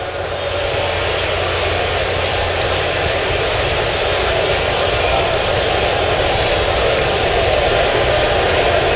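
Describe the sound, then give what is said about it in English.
A steady, dense murmur of a large stadium crowd during a Yankees–Boston baseball game hums continuously, a broad low buzz of many voices blending together without any single voice standing out, holding an even level throughout. “Kind of a nervous silence here at the stadium. You can hear a little bit of a buzz.”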